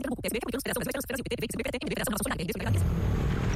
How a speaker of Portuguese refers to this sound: Amor, ouviu essa moto? Deve ser um entregador.